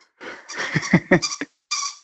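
A small dog works a squeaky toy, letting out a burst of high, wheezy squeaks in quick succession, then a short pause before one more drawn-out squeak, with no talking over it.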